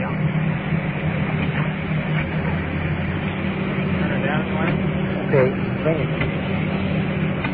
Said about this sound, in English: Rescue truck turned down a little bit.